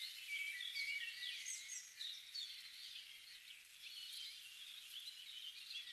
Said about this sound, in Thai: แล้วลองฟังเสียงธรรมชาติครับเสียงนกเสียงแมลงครับ